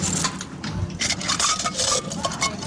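Metal keys jingle and clink in a busy run of bright, rattling taps lasting a few seconds, with no voices over them.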